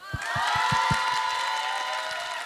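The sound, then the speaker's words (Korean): A concert audience breaks into loud, sustained applause at the band's request, holding steady for the whole stretch, with a few low thumps early on and shrill cheering woven through the clapping. “한 번만 해주실래요? 박수!”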